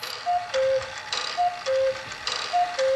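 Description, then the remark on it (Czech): A cuckoo clock, brought from the family's old home, calls three times in a steady rhythm, each call a clear two-note falling 'cuck-oo' with a soft mechanical whir behind it, and no voices. “Myslel jsem, jak špatné hodiny nám kuká doma.”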